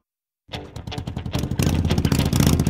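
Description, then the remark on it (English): A motorcycle engine starts up abruptly and revs, its rapid throbbing pulses climbing into a louder, steady roar, with no voices. “Tennessee's roads were made for motorcycle riders.”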